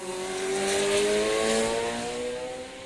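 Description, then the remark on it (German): A car engine revs hard at full throttle as the driver floors the pedal past a sign allowing unlimited speed, its harmonic whine climbing steadily in pitch as it accelerates, loud and sustained throughout with no one speaking. “Ab diesem Schild darf ich so schnell fahren, wie ich will oder kann. Mein Fuß drückt eine Delle in das Bodenblech.”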